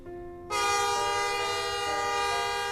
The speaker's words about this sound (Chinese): 汽笛声响，火车启动，驶向一个没有蒲公英的地方。